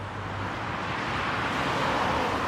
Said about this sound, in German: Er schreibt die zuständigen Behörden an und fordert Tempo 30 vor seiner Tür. Das würde den Lärm verringern. Noch aber dürfen Autos hier mit 50 km/h vorbeifahren.